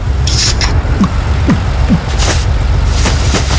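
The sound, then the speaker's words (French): A record holiday traffic jam with southbound traffic nearly at a standstill: a steady, low rumble of idling engines, broken by a few sharp hissing bursts like truck air brakes and brief squeaks, with no voices. “Nouveau record d'embouteillage avec 1341 km de bouchons cumulés. La circulation en direction du sud est pratiquement à l'arrêt.”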